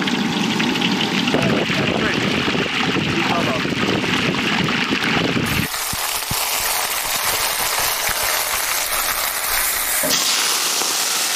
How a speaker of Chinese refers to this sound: 油温80热，下锅油炸。